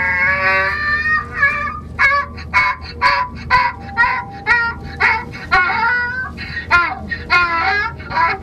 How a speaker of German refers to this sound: Das war der Esel.